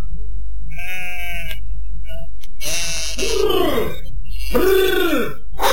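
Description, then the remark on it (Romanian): Several sheep of a flock returning from grazing bleat one after another, loud, with wavering, drawn-out calls overlapping at times above a steady low rumble. “Jecmănoiul s-a hotărât să-l întrebe pe păcală, care tocmai se întoarce cu turma de la păscut.”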